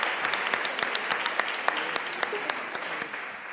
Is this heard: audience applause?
yes